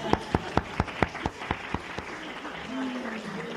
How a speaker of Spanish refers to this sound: Muy bien, un aplauso para el hermano.